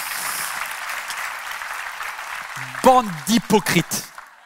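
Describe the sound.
An audience claps in a steady, dense patter for a few seconds, the applause thinning out as a single voice begins speaking over its tail.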